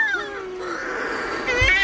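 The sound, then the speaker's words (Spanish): Wailing, cat-like shearwater calls at a colony in the small hours after moonset, in total darkness, as the birds come in to their nests; the calls rise and fall in long harmonic sweeps, overlapping one another, with a harsher, louder burst of calling near the end; no one speaks. “Cuando se pone la luna, en la oscuridad total, cuando no hay luz, para que las gaviotas no encuentren los nidos, es cuando entran las pardelas.”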